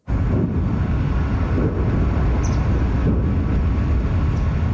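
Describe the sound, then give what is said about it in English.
Distant explosions just south of Moscow, Russia, following a large Ukrainian drone attack, rumble as a deep, continuous roar that fills the whole stretch without clear separate booms, heavy in the low end and blended with outdoor wind noise. No one speaks. “Distant explosions rumble through the air just south of Moscow, following one of Ukraine's largest drone attacks of the war.”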